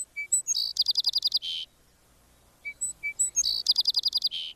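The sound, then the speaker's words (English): A song sparrow (species name melodia) sings two songs in a row, each opening with a few bright, separate notes before a rapid, buzzy trill. It is clear, with no other sounds. “The song is sweet and musical, starting with three bright notes and trilling on from there.”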